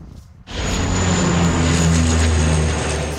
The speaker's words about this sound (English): Water dumping planes are being used for the first time ever in the areas surrounding Paris.